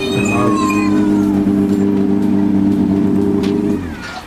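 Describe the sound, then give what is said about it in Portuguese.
A rally car engine roars loudly at a rally in Madeira, the sixth round of the Campeonato Regional de Rallies: a sustained, buzzing high-revving drone that holds steady for several seconds before dropping away at the end. “E vem o carro nada barulhento.”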